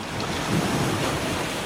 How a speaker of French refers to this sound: Vous entendez le bruit des vagues?